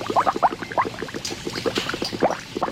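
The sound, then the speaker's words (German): Thick Maggi seasoning bubbles and pops steadily in kettles, a dense run of wet blips and gurgles, moderately loud and with no voices. “Bis die Maggi-Würze in den Kesseln blubbert.”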